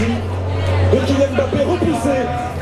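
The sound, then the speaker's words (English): A street crowd of football fans in Paris on a hot night, many wearing Moroccan flags and watching the match on screens at bars and cafes, fills the air with dense, overlapping chatter and raised voices, no single speaker standing out, over a steady low hum. “There are screens set up everywhere at all the bars and cafes and crowds watching.”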